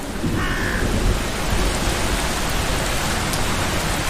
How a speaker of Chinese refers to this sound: 这天，山谷中迎来一场大雨。